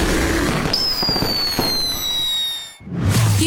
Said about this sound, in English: the largest fireworks show in the Central Valley. July 4th at Chichansey Park